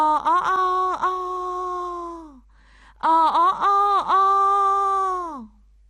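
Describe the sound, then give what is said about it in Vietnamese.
A young rooster crows twice in a garden, each call a long, drawn-out harmonic cry with choppy, stuttering starts, separated by a short pause and fading out at the end. “Tiếng gáy của trống choai vang vọng, dài hơi chưa từng có, như trút hết tất cả sinh lực, nỗi niềm của mình vào giọng ca tha thiết.”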